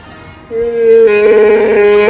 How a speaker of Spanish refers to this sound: ¿lo podemos volver a oír ese rugido?